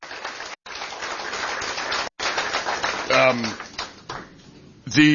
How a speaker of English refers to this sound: A round of applause.